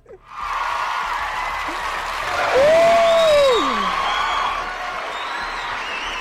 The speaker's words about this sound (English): A round of applause for my colleagues or co-host again.